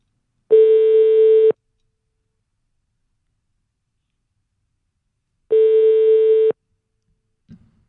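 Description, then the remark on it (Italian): A telephone ringback tone while a call is placed: two steady, one-second electronic tones of even pitch separated by a long silent gap, followed by a faint brief click at the end. “Allora, ripeto, stiamo chiamando”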